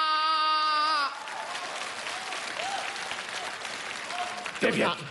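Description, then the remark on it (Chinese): A drawn-out vocal cry gives way to a sustained round of audience applause, dense and steady for about four seconds, with a few voices audible in the crowd. “别鼓掌，这都多难为情啊！”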